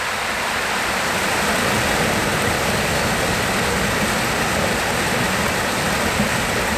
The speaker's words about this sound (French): Et puis, le chant du ruisseau. Il voilà. Faut qu'on l'écoute, le chant du ruisseau.